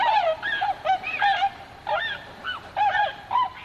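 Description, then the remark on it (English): Tundra swans calling in a flurry of high, nasal, bugling honks, several birds overlapping in irregular bursts with brief gaps, clear, with no voices. “In fact, someone did actually take the time to count the feathers on a tundra swan.”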